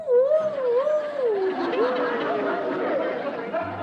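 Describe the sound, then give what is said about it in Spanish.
A person imitates a coyote howl with a long, wavering rising-and-falling vocal note, fairly loud, followed by softer overlapping voices and background chatter. “Y escuchó que los coyotes decían... ¡Au!”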